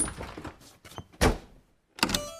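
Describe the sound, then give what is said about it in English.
A door thuds shut, and a moment later a lock clicks and rattles into place. Some brief shuffling comes before it, and no one speaks. “They locked the door and the three bears played happily.”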